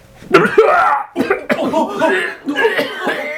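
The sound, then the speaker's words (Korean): Harsh, heavy coughing comes in four rough, hacking bursts, with strained, raspy breaths between them, from a single person standing in the back row who coughs severely and sinks down, with no talking. “뒷줄에 서 있는 한 사람이 심하게 기침을 하며 자리에 주저앉았다.”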